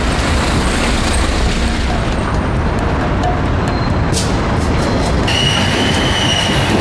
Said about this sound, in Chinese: 待火车跨过界河呼啸而来，100多年前的站台才昭示了时空。